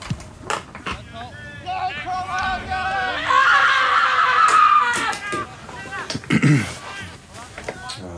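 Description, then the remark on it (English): A person lets out a long, high-pitched scream that wavers and swells over several seconds, loud, framed by shorter shrieking vocal bursts before and after. “The scream.”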